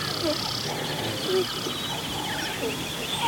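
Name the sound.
gazelle herd alarm calls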